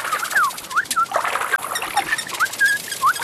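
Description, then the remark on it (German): A small bird named Pieps chirps in quick, repeated high notes while splashing and pattering in water, the busy chirping and splashing continuing throughout. “Das Vögelchen Pieps ist zwar nicht Schwimmer, aber es liebt das Planschen.”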